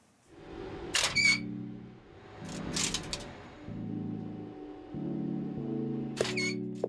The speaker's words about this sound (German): Es surrt, quietscht und klackert gewaltig im Maschinenraum dieser Aufzuganlage. Hier schlägt das Herz des Aufzugs. Die Anlage hat schon knapp 70 Jahre auf dem Buckel und steht im City-Hochhaus in Stuttgart.